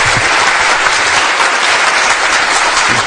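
Steady, loud applause from an audience fills the whole stretch, a dense wash of many hands clapping close by without pause or any voices.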